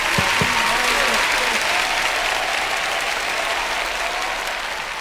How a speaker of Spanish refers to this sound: Un aplauso.